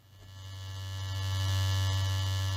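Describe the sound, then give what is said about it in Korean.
A steady electric shaver buzz, low-pitched and continuous with a bright raspy edge, slowly growing louder over a few seconds, as a young man shaves his beard with a new shaver in a bathroom at dawn; no talking. “욕실에서 아들이 새 면도기로 수염을 깎고 있었습니다.”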